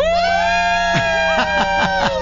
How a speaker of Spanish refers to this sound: grito de estamos listos, de vamos a hacer todo lo posible. Es 1, 2, 3, 4, 5. Cinco personas que están hoy con toda su atención lista para que ustedes la pasen increíble de aquí hasta la 1 de la tarde. Escuchen su grito.